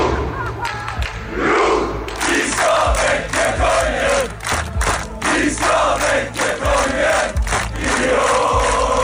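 A large crowd of football fans cheers and chants in the streets of Oslo at night, celebrating Norway's 3-2 win over Senegal, a loud, continuous roar of shouting voices with rhythmic surges and thumping beats underneath.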